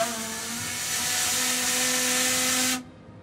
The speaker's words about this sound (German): Hier das Feuerschiff, die Elbe 1, hat damit angefangen, auch gerade eben hier laut das Typhon zu hupen.